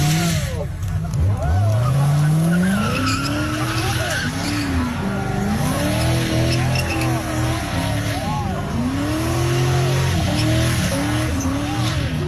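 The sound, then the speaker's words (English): A red Corvette's engine revs hard while its tires screech steadily through a burnout on the road, the pitch sweeping up and down for about twelve seconds, loud. “And he was on the opposite side of the road and he was starting to do a burnout.”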